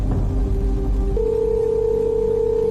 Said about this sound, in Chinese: 电话那头始终传来无人接听的提示音